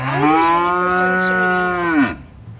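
A single long, loud moo from a cow, holding steady for about two seconds before dropping off with a low grunt at the end. No one speaks.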